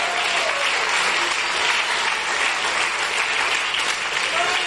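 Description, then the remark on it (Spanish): A crowd applauds steadily and loudly, a dense wash of clapping that holds at an even level for several seconds without a break. “Dele fuerte, fuerte, fuerte, fuerte ese aplauso.”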